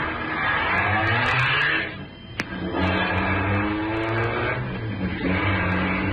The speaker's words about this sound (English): At the moment that she's sending the big car roaring down the driveway, you're reaching in her dresser drawer for her small .22 caliber pistol.